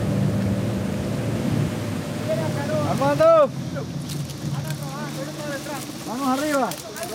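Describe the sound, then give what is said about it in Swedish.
A steady motorboat engine drones beneath rushing wind and water noise as the boat travels along a very large river lined with coca plantations, continuous, while a person speaks over it in the second half. “Och det här ser man faktiskt nu när jag åker här längs med den här väldigt stora floden.”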